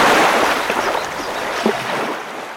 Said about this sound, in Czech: Hrázka se převalila celá a všechna ta vodní síla letí dolů potokem jako jedna jediná velikánská vlna plná vody.